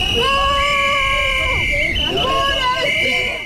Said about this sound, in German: Und dann sind auch noch ein paar recht laute Demonstranten auftaucht, die etwas gegen den Ausbau der Autobahnen haben.